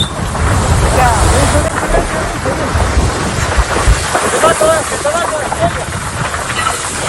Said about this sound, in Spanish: Y para entender la tragedia, escuchen este otro sonido. Son miembros del Infoca, intentan apagar el fuego, pero las llamas crecen y se acercan peligrosamente hacia ellos.